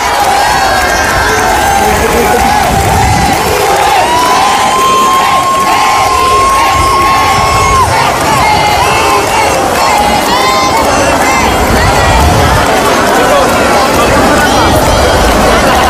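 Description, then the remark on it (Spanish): A large outdoor street crowd in Melilla, Spain, cheers and shouts excitedly along the route through the Plaza de España, high-pitched voices rising in continuous, dense waves of yelling, chanting the names Felipe and Leticia in a rhythmic way, loud throughout. “eran algunos de los gritos a modo de histerias que se iban escuchando a lo largo de todo el recorrido de la Plaza de España, pero igualmente en las inmediaciones del Colegio Eduardo Morillas”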